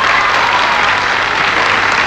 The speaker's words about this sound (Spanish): Un aplauso para él.